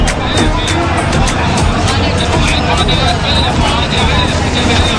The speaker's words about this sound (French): Au cœur du tumulte de la foule qui se presse dans les commerces, des taxis et tuk-tuk qui se faufilent dans la circulation chaotique, il est presque difficile de lever les yeux.